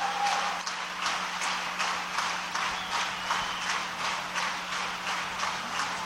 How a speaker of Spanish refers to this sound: Que el aplauso sea para sí, él solamente. Exacto, no, pues lo levantó. Pero él obliga a la orquesta a que se levante. Miren, aquí ya se está pidiendo un encore.